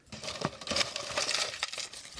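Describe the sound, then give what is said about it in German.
Crisp paper rustling and crinkling as a folded paper lot is drawn from a bowl to choose the next book to read. It runs steadily for about two seconds with a few sharper crackles and no voices. “So, ich lose.”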